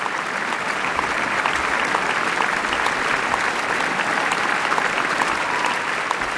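Sustained applause from a large concert audience at the Vienna Philharmonic's summer concert at Schönbrunn, for conductor Lorenzo Viotti after Johann Strauss's Wiener Blut, a dense, steady wash of clapping at even loudness throughout, with no voices standing out.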